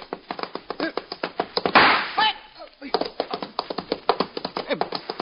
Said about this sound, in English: Begging your pardon, sir. Why did you knock down me musket?